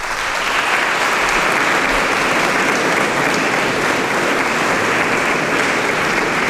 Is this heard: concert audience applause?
yes